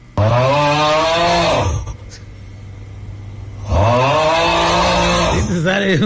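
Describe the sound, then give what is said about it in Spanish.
A person loudly imitates snoring with their voice: two long, rough, drawn-out snores, separated by a brief quieter breath-like pause. “No, ¿qué pasó ese de ronquido, güey?”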